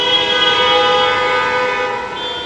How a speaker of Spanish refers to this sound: ¡No vaya tocando el claxon en estos momentos! Porque de por sí ya vamos cansados, ya nos duele la cabeza. Y todavía tocando el claxon, hay que manejar con precaución, hay que tomar nuestro tiempo.